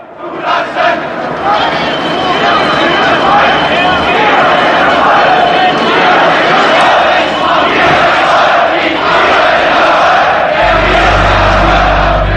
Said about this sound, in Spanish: Ni te imaginas lo ruidoso que suenan 70.000 personas gritando. Somos el pueblo. Gorbachev, Gorbachev.